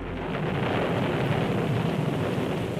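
Steady, heavy rain hisses across the whole clip while a deep rumble of thunder rolls underneath, loud, with no voices.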